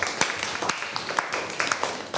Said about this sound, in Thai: ขอเสียงปรบมือให้ตัวเองหน่อย